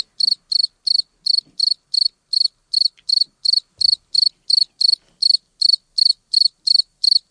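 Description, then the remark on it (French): A cricket chirps alone in a steady, even rhythm, about three high-pitched, buzzy chirps per second, each chirp equally loud, with near silence between them; it was recorded when the temperature was 28 degrees. “Voilà, quand le grillon a été enregistré, il faisait 28 degrés.”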